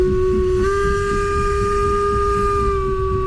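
A steam locomotive on the Furka mountain railway line blows one long, steady, loud whistle note over a continuous bed of rumbling, hissing steam; no one speaks.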